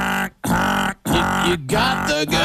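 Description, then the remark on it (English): A loud, harsh buzzer blares four times in quick succession, each blast separated by a brief gap, mixed with a honking, goose-like tone. No one speaks. “You got the goose and, like, the quadruple buzz.”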